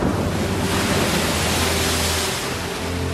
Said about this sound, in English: And at this point, it's a race against time to try to get her out so that she can spend her last moments with her family, see the stars at night one time, and hear the sound of the ocean at least one time before she dies.